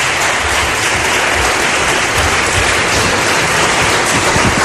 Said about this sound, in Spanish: Pido un aplauso para ella, que está aquí con nosotros hoy en el Espacio en Blanco.